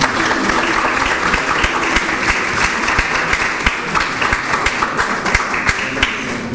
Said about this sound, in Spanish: Un aplauso, por favor, entonces.